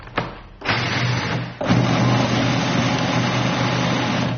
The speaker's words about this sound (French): C'est 150 grammes qu'on met dans son mixeur. Et on va faire un premier tour de mix pour les réduire en poudre.